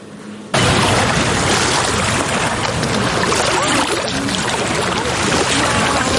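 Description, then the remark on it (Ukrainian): Loud sloshing and splashing water as stand-up paddleboards move along on free paddleboard outings in Cherkasy. A steady churning wash starts abruptly after a brief quiet moment and continues without pause. “Щоб підтримати військових, ветеранів, родини безвісті зниклих і загиблих, у Черкасах для них організували безкоштовні прогулянки на сапдошках.”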